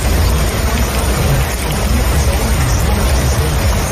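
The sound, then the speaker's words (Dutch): Heavy stormy weather: a dense, steady roar of pounding rain and wind, loud, with a deep low rumble underneath throughout and no voices. “Het is flinke herres in de lucht en op de grond momenteel.”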